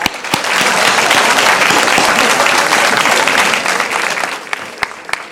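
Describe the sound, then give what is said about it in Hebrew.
An audience at a Kabbalah study session applauds the first-time guests, a dense, steady wash of clapping that holds for several seconds before thinning out, with a few sharp individual claps near the end. “יפה, מחיאות כפיים, מגיע לכם.”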